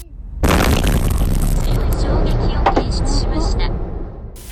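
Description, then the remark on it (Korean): A sudden loud explosion at a shopping mall in Japan, about an hour after a magnitude 7.1 earthquake, bursts in after a moment of quiet, followed by a sustained roaring rumble and scattered debris crackles as debris flies across to the road opposite, slowly fading over several seconds. “엄청난 폭발이 일어나면서 맞은편 도로까지 파편이 날아갔습니다.”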